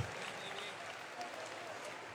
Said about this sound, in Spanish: ¡Ese aplauso fuerte al rey!